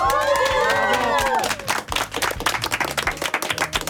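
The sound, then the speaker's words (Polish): A crowd claps and cheers loudly, with high excited shouts and whoops rising over dense applause in the first half, then steady clapping continues with scattered voices. “Uuu, brawa!”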